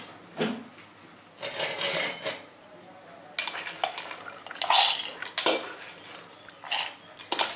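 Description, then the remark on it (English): Lentils rattle and clatter as they are tipped into a blender jar, in several short, loud bursts of hard grains hitting plastic, with brief pauses between pours and no talking. “And then we put lentil in blender.”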